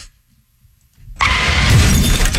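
After a moment of near silence, a car crash erupts abruptly and loudly, with glass shattering and a dense rush of breaking noise that carries on to the end. No voices.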